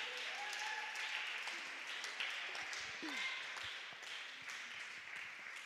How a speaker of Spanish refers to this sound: Vamos con esas palmas, con gozo, con alegría, iglesia, denle un aplauso, denle palmas al eterno, al rey de reyes.